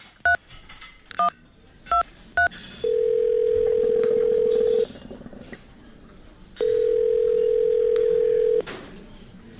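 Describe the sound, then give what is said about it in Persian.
A few quick touch-tone beeps as a mobile phone number is keyed in on a telephone at a teahouse that also serves food, followed by two long, steady telephone tones separated by a pause, clear with no talking. “آره آره میتونی، بیا از این تلفن شماره تو بگیر.”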